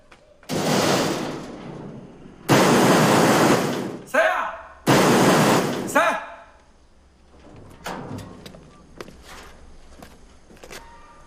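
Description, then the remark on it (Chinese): Heavy, loud pounding on a home's door early in the morning, over dog droppings left at the door, comes in three long, harsh bursts of rapid banging, followed by a few quieter scattered thuds and knocks. “你有病啊，大清早起来砸我家门。”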